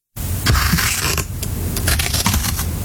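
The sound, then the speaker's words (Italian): Scissors cut through paper, a steady run of crisp snips and papery rustling with short sharp bursts, fairly loud and with no voices. “Stavo tagliando la carta con le forbici.”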